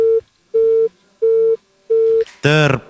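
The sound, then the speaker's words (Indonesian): A phone busy tone beeps in four steady, evenly spaced pulses as a call disconnects, clear, then a voice cuts in at the end. “Terputus. Kuangkat mi lagi.”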